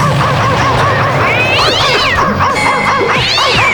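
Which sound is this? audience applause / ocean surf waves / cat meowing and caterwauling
cat meowing and caterwauling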